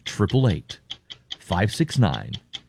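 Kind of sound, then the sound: signal or alarm, ticking clock countdown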